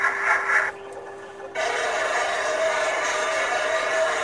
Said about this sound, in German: Das ist ein U-Boot. So klingt ein U-Boot. Dieses Klatschen, das war ein Torpedo, der da irgendwann ins Wasser geworfen wurde.